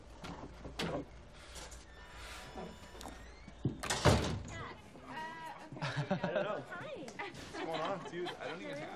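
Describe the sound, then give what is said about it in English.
A door swings shut with a solid thud partway through, set against people chattering and laughing in the background. “Close the door.”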